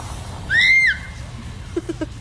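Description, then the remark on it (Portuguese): A pet macaw utters one drawn-out, high, rising-then-falling word-like call, then gives three quick, softer clicks or chirps over a faint background hum. “Ela fala! Ela fala!”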